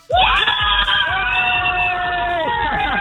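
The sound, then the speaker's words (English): A group of children from the Cork City Hospital's Children's Club cheers and screams loudly at Disneyland Paris, a sustained burst of high-pitched shrieks and whoops that starts abruptly and stays intense for about three seconds. “So I want you guys to give me a cheer for how much you're loving it so far.”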